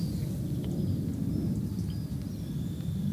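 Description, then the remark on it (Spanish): A person imitates a pig with a steady, loud run of low, rough grunting and snorting, filling the whole moment without words. “A ver, repítame el cerdo, repítame.”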